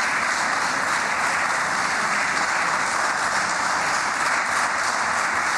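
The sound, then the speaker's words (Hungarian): Sustained applause from a large crowd in a parliamentary chamber, a dense, steady wash of many hands clapping at constant loudness with no voices heard. “Köszönöm szépen a tapsot.”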